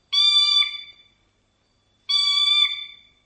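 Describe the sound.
A voice mimics a telephone ringing: two sustained, high-pitched warbling bursts, each about a second long, separated by a short pause, with no talking alongside.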